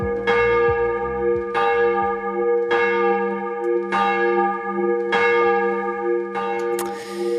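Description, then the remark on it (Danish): A church bell rings out in slow, steady strokes, about six loud clangs roughly a second apart, each leaving a rich, humming tone that lingers and overlaps the next. No one speaks. “Lad os starte med lige sådan at ringe timen ind for alvor.”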